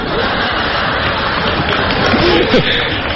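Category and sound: crowd, audience applause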